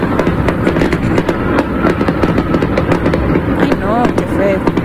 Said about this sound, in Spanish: Les tienen con la situación de que no para y no se detiene las explosiones y los cohetes.